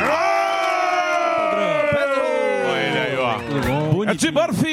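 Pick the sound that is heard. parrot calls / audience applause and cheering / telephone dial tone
audience applause and cheering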